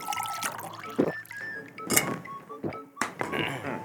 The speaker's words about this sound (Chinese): 哎，来，天完健康操哈，来淋滚水了哈，来喝开水的时间来。